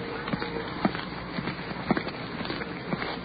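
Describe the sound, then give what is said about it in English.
After getting out of a car at the curb, footsteps cross a street toward police officers in a steady, unhurried rhythm. About six firm heel strikes fall half a second apart, over a constant hiss of slight rain and icy cold wind. “Now we're crossing the street.”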